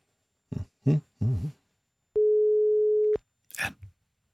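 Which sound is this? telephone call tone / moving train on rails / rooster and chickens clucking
telephone call tone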